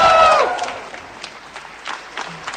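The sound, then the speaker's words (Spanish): A crowd applauds a female Nobel Peace Prize laureate as she leaves her office, opening with a brief sustained cheering voice over the clapping, then thinning into scattered, fainter claps that continue to the end. “Sale de su oficina y la gente, la verdad, que la aplaude de una Ah, manera, mira. pero muy fuerte.”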